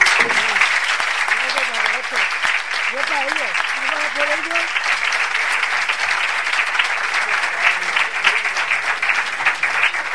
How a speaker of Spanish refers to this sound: Este aplauso para ti.